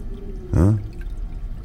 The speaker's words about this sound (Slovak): To tak otravoval ten splachovač. Možno jeden zvuk vyvoláva druhý. Prestane špľachot, prestanú aj tchory, aj chrápanie.